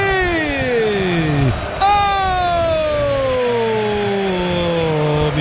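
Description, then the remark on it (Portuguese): A large stadium crowd of Palmeiras fans roars continuously, celebrating a goal that makes it Palmeiras 2, Corinthians 0 in the first half, with a loud, sliding tonal wail sweeping downward twice over the steady crowd din. “E é festa absoluta do Alviverde neste primeiro tempo, com um golaço coletivo da equipe do Verdão.”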